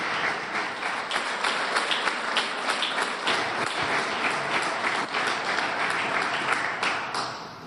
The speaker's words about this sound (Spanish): Allí el agradecimiento, el aplauso por esta labor que han hecho en nuestro país y que será también reconocido por años.